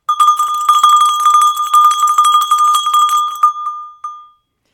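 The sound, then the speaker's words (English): A small hand bell rings rapidly and repeatedly for about three seconds, bright metallic clangs with a lingering ring, then a final stroke decays into silence. “And okay, I'll preface this by saying this is just a small hand bell, and I know really nothing about its origins, but it very well might resemble an early bell that might have been used in the Middle Ages to call people to prayer or services.”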